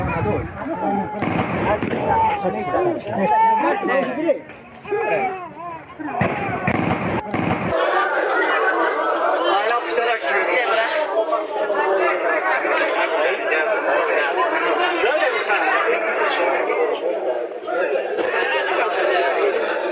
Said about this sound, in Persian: صدای مردم معترض و تیراندازی از اعتراض‌های امروز در ولسوالی یفتل را شنیدید.